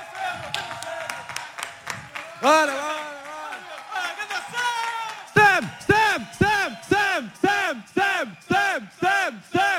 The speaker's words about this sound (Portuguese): por favor, uma salva de palmas